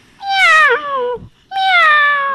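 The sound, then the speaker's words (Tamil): A school pupil imitates a kitten with two drawn-out, high-pitched meows, the first sliding downward, separated by a brief low thump and a short pause, loud. “இது பேர் குட்டி பூனை.”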